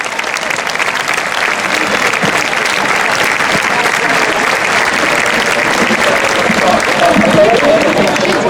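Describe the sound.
A crowd applauds steadily and loudly for several seconds, the dense clapping holding an even level throughout, with faint voices mixed in underneath.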